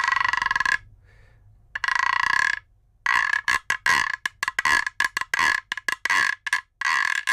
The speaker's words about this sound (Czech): Neobvyklejší nástroje, tady držím takovou dřevěnou trubku, říká se tomu gyro a možná to někdo tomu může říct žába, protože to vydává.